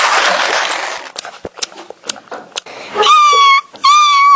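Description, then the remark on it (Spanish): A small dog whimpers, two drawn-out, high-pitched whines following a stretch of rustling and a few sharp knocks, with brief yips mixed in, as it is being given its food, cookies. “dale al perrito la comida.”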